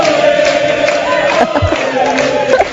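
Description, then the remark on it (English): A large crowd of Quebec Liberals cheers and hollers without pause, a loud, dense roar of many voices with drawn-out shouts and whoops rising above it for a few seconds. “We start with Quebec Liberals cheering like they just won the World Cup.”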